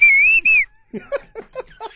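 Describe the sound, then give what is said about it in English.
A person whistles a loud, piercing taxi whistle in two sharp back-to-back blasts, the pitch rising slightly, then it gives way to quieter murmured voice sounds. “And then a taxi whistle is...”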